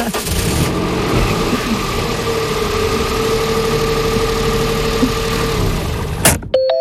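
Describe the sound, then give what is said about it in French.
A car engine churns with a steady, loud droning rumble for about six seconds without catching, then cuts off abruptly with a click, followed by a brief electronic beep. “La voiture voulait pas démarrer.”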